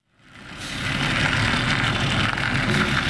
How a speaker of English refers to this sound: It was just another summer morning in Red Hook, Brooklyn, as a white delivery truck turned out of a commercial lot and rumbled down a narrow cobblestone street.